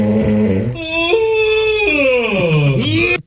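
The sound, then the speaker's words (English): A single drawn-out, loud voiced yawn lasting about three seconds, starting low, rising into a high whiny tone, then sliding down and curling up at the end. No talking. “Okay, you heard the yawn.”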